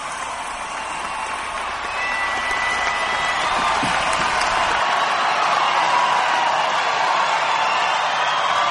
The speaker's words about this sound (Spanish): Un aplauso para Jesús de Nazaret. Venga, venga, venga.